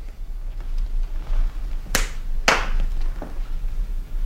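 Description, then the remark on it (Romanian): Two sharp, crisp hand claps ring out about half a second apart over a quiet background hiss, given as a signal for someone to enter, followed by a much softer tap a moment later. “Va să zic că tu aștepți afară și când eu bat din palme, intri.”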